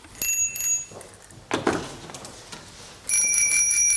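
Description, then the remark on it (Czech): Bicycle bells being tried out in a bicycle shop ring in two bursts, a bright metallic trill at the start and again near the end, with a muffled clunk and soft handling noises in between, fairly loud. “Dobrý den, já zkouším zvonky. Ano. Některé zvoní málo, některé vůbec ne.”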